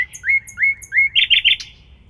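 Small birds chirping: a run of four rising whistled notes followed by a quick burst of higher, sharper tweets, over a faint low background rumble.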